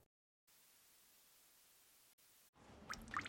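Water drips from a ceiling vent, two or three quick plinks landing near the end after a stretch of steady, faint hiss. The drops are quiet, with no voices.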